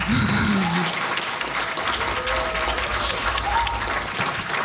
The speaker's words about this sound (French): On peut applaudir là, je crois.